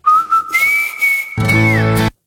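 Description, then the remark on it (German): A clear whistled melody with sustained pure notes that glide between pitches, then a burst of instrumental music with a fuller, harmonic sound joins in before stopping abruptly. “Ja, wer pfeift da so schön?”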